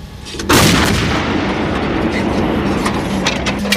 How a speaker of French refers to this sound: Oui, le moteur tournant, ce qui permet de s'exfiltrer au plus vite après le tir. Donc là, actuellement, le canon est réglé pour tirer à courte portée à 7 km. Notre pièce attend l'ordre de tir de notre poste de commandement batterie.